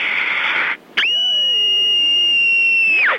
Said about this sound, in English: 6 years old, and here's my scream.